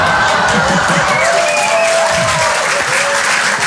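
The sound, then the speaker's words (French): Sustained audience applause, loud and dense throughout, with a bright wash of clapping plus some faint whoops and murmuring voices mixed in. “Oui, là, j'adore, parce qu'en général, les femmes applaudissent et eux, ils disent « Mais quelle connasse !»”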